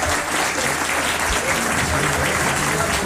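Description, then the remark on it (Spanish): Sustained audience applause for a girl fills the space, a dense, steady wash of many hands clapping at a constant loudness for a few seconds, with no one speaking over it. “Bueno, qué bonito, un aplauso de nuevo a esta niña maravillosa.”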